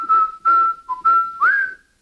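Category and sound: human body sound, person whistling a tune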